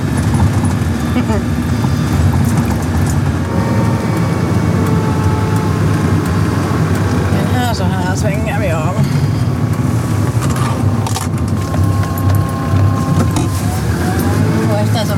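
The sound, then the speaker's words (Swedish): A Land Rover Defender's engine drones steadily as it climbs a road, a loud, continuous rumble with mechanical whine, while muffled voices talk underneath throughout. “Det är nu ett svepskäl egentligen, man kommer nog upp med en Toyota Yaris också här, men det är kivogare att köra med en Land Rover Defender.”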